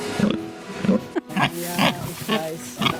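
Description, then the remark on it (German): Pigs grunt in a barn in a quick, uneven series of low, snorting calls, fairly loud, with short harsher squeals mixed in and no one speaking. “Schweine sind schlau, das glaubt man gar nicht.”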